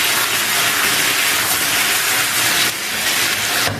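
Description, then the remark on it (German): A Wiener schnitzel of flattened veal coated in flour, egg and breadcrumbs sizzles in a frying pan as it is fried golden brown: a loud, steady crackling hiss that carries on without a break for a few seconds. No one speaks. “Dann ab in die Pfanne und goldbraun anbraten.”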